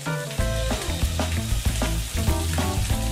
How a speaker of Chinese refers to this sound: 只有拍干粉才能飘逸起来。 拍好粉底的鱼肉， 需入油锅炸制